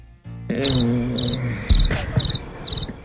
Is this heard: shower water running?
no